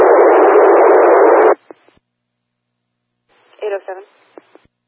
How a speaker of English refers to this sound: dispatcher phone.